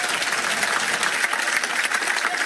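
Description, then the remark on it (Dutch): A sustained burst of audience applause in Blankenberg for the Radio 2 staff, dense and steady with many hands clapping at once, fairly loud throughout with no voices standing out. “Maar vooral een ongelooflijk applaus voor de mensen van Radio 2 voor en achter de schermen.”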